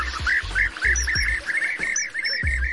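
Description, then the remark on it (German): A flock of European bee-eaters calling, their short rolling, liquid chirps repeating in a quick, steady stream, clear, with soft low thumps underneath. “Zur Auswahl steht auch der Bienenfresser.”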